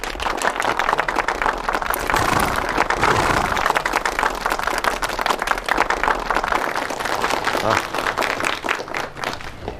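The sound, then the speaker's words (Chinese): Assembled companies, including a recruit company, clap steadily for about ten seconds to welcome Commander Chen to speak on the anti-Japanese war situation: dense, continuous applause with crisp overlapping hand slaps at a fairly even loudness and a slight swell in the middle, with no one speaking over it. “我注意了啊，今天请陈司令给我们讲抗日形势，大家鼓掌。”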